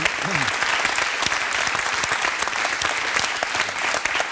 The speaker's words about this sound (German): Okay, und super. Dein Applaus.